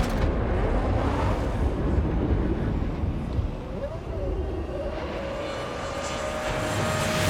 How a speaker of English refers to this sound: The RB7 off like a scolding dog. A dog with a V8 engine generating 18,000 RPM struts with that.